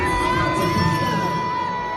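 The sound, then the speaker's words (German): A large crowd booing a singer on stage at a concert at the start of her tour, a steady, loud wash of many voices with sustained jeering tones and scattered shouts running for the whole two seconds. “Ja, also da hören wir auf jeden Fall, dass sie ausgebuht wurde und das Video ging dann auch voll viral.”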